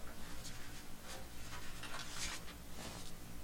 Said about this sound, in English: Rustling of papers.